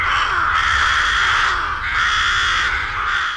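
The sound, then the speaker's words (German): A dense chorus of rooks cawing continuously, many harsh overlapping calls forming a loud, steady din from a busy colony in the Vorstadt of Solothurn, where it is often heard, with no voices. “Genau, Saatkrähen.”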